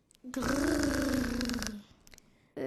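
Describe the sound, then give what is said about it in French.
A loud, rough creature growl rumbles for about a second and a half, its low throaty pitch swelling slightly then sinking, before a brief pause and the start of another sound. “Les enfants sont éblouis tandis qu'un nouveau grognement les accueille.”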